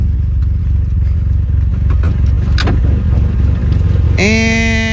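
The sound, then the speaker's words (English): A car engine rumbles steadily while the vehicle reverses and pulls forward, repeatedly hitting the back of a Ford Escape, with scattered clatter and scraping, before a loud, sustained buzzing tone breaks in near the end. “Puts it back in reverse.”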